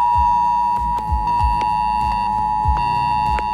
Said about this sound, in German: Morgen ist Warntag. Das bedeutet nicht, dass es einen internationalen Feiertag gibt, an dem die Warnung gefeiert wird, sondern ihr werdet gewarnt. Um 11 Uhr könnt ihr euch auf ein schrilles Handyklingeln gefasst machen. Das klingt etwa so.